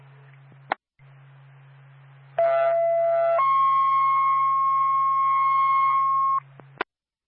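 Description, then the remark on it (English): A two-tone fire dispatch paging alert over a radio for the Woodsville Fire Department, toned out by Twin State dispatch for a fire alarm activation in Woodsville: a one-second steady tone gives way to a longer, slightly higher tone lasting about three seconds, framed by radio hum and squelch clicks. “Twin State Woodsville Fire Department. Stand by for tone.”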